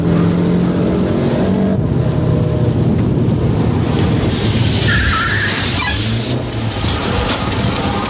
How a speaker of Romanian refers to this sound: Nu vrei să oprești mașina?